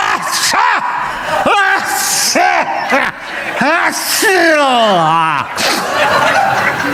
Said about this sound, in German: Sie vermutete, dass er aufgrund einer allergischen Reaktion, möglicherweise durch den Geruch von Kunststoffweichmachern im Inneren des Neuwagens hervorgerufen, mehrere Niesattacken erlitten und dabei den Kopf sämtliche Richtungen gedreht hatte.